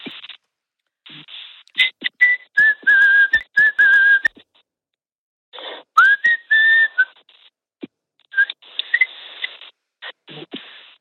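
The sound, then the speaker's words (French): A person, asked to whistle something, whistles a short melody in several phrases, the pure tone gliding between notes, with pauses and light scraping or clicking noises between phrases. “Et je ne résiste pas à te demander de me siffler quelque chose, parce qu'il paraît que tu siffles très bien, que tu arrives à faire de très belles mélodies.”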